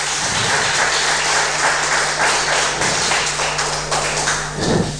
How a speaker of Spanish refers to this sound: ¿Cuántos dicen amén? Denle un fuerte aplauso, hermano, hermana, al Rey de Reyes.